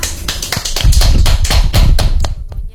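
A short burst of applause, many hands clapping in a dense, loud patter that builds quickly and then thins out and fades over the last half second.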